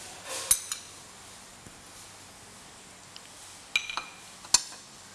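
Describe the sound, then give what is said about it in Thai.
A few sharp metallic clinks of utensils against a soup pot as ham is added once the water returns to a boil, scattered in two brief clusters over a low, steady background hiss, with no talking. “นี่ก็รอให้น้ำเดือดอีกครั้งหนึ่งเราก็ใส่แฮมนะคะใส่แฮมลงไป”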